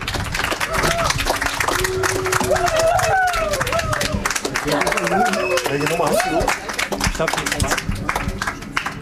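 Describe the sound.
An audience applauds in a dense, steady wash of many hands clapping, with voices calling out and cheering over it partway through before the clapping thins slightly toward the end.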